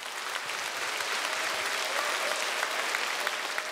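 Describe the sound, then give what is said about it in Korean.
An audience at a concert marking the 12th anniversary of Busan Gugak Broadcasting, held at the National Gugak Center in Busan, claps for the center's dance troupe after their performance, a dense, even wash of many hands with no voices, holding a consistent level for the full few seconds. “네, 멋진 무대 선사해 주신 국립부산국악원 무용단 여러분께 다시 한번 뜨거운 박수 부탁드립니다.”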